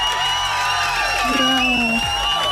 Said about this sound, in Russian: Я тебе поздравляю, эти аплодисменты для тебя.